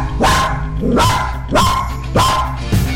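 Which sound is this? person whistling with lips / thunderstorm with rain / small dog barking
small dog barking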